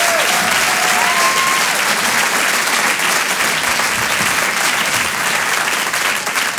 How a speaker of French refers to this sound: En direct de l'Apollo Théâtre. Rire et Chanson. Je demande d'applaudir très fort Tony Saint-Laurent, bonne soirée.